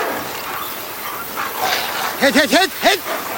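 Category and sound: animal, sled dogs barking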